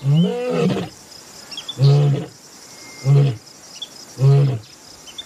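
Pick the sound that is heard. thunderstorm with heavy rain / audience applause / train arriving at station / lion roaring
lion roaring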